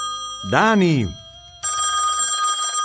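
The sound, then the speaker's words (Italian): A telephone starts ringing with a loud, steady, bright tone that continues to the end, right after a short burst of a voice rising and falling. “rispondi al telefono.”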